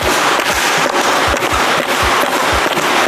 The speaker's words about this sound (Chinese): 现在是装好这个闭口压线的玻璃了啊， 现在踹一下， 现在我就上脚试一下， 哎，哎。